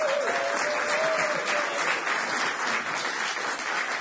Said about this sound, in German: Gebt ihm auch mal einen kleinen Applaus. Er darf euch ja schon beim nächsten Song wenigstens nicht angucken, dann kriegt er wenigstens ein bisschen Applaus.